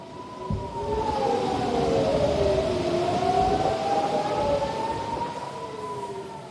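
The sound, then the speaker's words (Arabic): Air raid warning sirens wail continuously in several towns in northern Israel as rockets are launched from Lebanon, several overlapping tones rising and falling slowly against a steady background rumble, with no voices. “هذا وأفاد مراسل التلفزيون العربي أن صفارات الإنذار دوت في بلدات عدة شمالية إسرائيل مع إطلاق الصواريخ من لبنان.”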